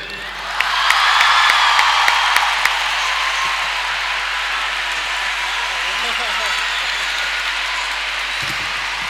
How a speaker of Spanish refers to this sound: Me gustaría invitar al escenario a una amiga, a una mujer con un corazón impresionante. Quiero pedir un fortísimo aplauso, por favor